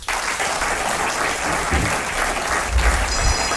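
An audience claps steadily for a small class, a dense, continuous wash of applause that stays loud and even throughout, with no one speaking over it.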